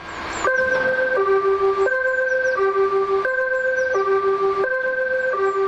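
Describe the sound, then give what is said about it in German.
A fire station alarm gong sounds loudly through the Gladbeck fire station for a drill, alternating steadily between two pitches in a repeating pattern with no pauses. Faint chirps flicker above it, and no one speaks. “Der Alarmgong hallt durch die Gladbecker Feuerwache.”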